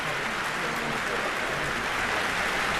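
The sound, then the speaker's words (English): Sustained applause from a large audience at Carnegie Hall for composer Carlos Simon, with the NYO USA youth orchestra on its feet; a dense, steady wash of clapping that continues without pause throughout. “Applause for Carlos Simon with the NYO on its feet and conductor John Andrea Nozeda.”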